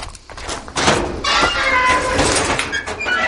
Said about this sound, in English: swings open his garage door in the village of Conte in the southeast of France and begins rifling through his climbing gear.